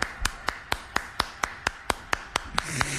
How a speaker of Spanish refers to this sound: Aquí lo tenemos con todo gusto el Chaca. Cómo no, venga el aplauso para mi compa el Chaca.